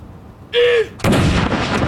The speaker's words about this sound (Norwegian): Jeg ser også nede på kaja her, rett nedenfor Akershus festning, så står det folk og ser opp hit. Stille og rolig og få med seg saluttene derfra nede på kaja. Andre kanon!